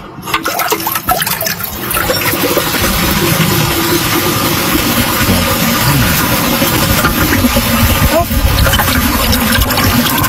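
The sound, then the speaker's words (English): A 1976 American Standard Luxor toilet flushes with a loud rush of water that keeps roaring steadily as the tank refills, a continuous gurgling hiss lasting several seconds. “That's a 1976 American Standard Luxor.”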